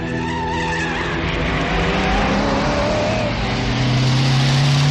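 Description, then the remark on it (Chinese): Loud engine roar of several Japanese motorcycles carrying Japanese soldiers pulling up outside an opium den, with a harsh tire skid and rising engine pitch running continuously for the whole few seconds; no one speaks. “突然，在烟馆门外开来了几辆日本摩托车，车上的日本兵跳下来，立刻包围了烟馆。”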